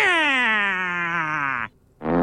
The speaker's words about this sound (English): adding in that final fart sound effect. The fart noise.